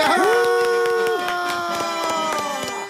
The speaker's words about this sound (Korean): 박수!